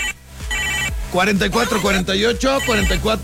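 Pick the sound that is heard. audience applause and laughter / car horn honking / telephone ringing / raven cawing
telephone ringing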